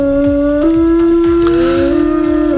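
A long, loud wolf howl holds a steady pitch, then rises and wavers near the end, over a backdrop of rhythmic low thumps. No one speaks.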